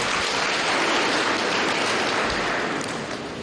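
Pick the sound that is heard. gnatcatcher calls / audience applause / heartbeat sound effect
audience applause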